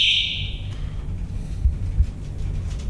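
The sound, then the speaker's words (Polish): An elevator alarm bell rings loudly for under a second, a bright sustained tone that cuts off abruptly, followed by a low mechanical rumble and a couple of dull thumps. “Wyłączę wentylator. Dzwonek.”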